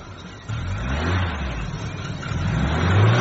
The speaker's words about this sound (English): You don't need to rev it, lad. It's not a moped. And even then, you shouldn't do that. You should just open the throttle gently.